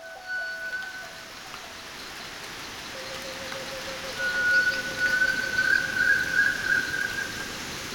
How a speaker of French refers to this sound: on a fait deux collectes en saison humide et c'est la pluie tropicale